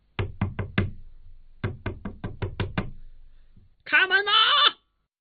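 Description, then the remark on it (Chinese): Loud knocking on a wooden house door in two quick bursts, four bangs then about seven more, followed by a short shouted voice calling out that there is a fire; a freeloader bangs on the bolted door of a friend's home during New Year drinking. “哪知大家正喝着呢，白吃白喝的人寻上门来了，他砰砰砰的敲门，边敲还边喊。”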